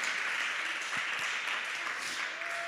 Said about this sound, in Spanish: Denle un fuerte aplauso al Señor, iglesia. Gloria a Dios.